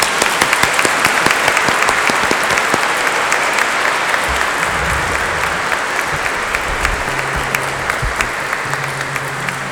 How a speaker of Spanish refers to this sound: Felicidades, le damos un aplauso.